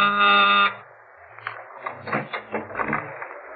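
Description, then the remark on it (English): A loud electric door buzzer blares once as a kid arrives with a package, a harsh, steady drone lasting about half a second, followed by quieter shuffling and knocking noises of movement. “Tell me how she made out with Mona Taylor's mother when my door buzzer phoned.”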